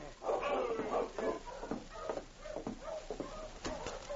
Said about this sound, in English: The wind howled through the trees outside, and the old trapper piled the wood high in his stove. He started as he heard the sound of a dog team.